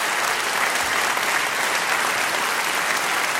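Steady, dense applause from a studio audience, many hands clapping continuously at an even, fairly loud level throughout, with no voices standing out.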